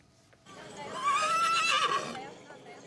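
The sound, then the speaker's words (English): A horse lets out a single loud, drawn-out whinny with a wavering pitch, lasting over a second, against a low murmur of background noise, as colorfully clad horses parade past rice paddies in Iwate Prefecture, northern Japan, at the Chagu-Chagu Umakko Festival. “And before we go, dozens of colorfully clad horses paraded past rice paddies in northern Japan.”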